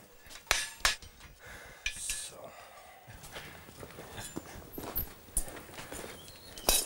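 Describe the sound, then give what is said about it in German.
A tame horse's hooves knock sharply and irregularly on a hard floor while it is being shod by a farrier, a few loud clops scattered among softer shuffles, with faint voices and stable noise in the background. “Das ist so zahm, das Pferd.”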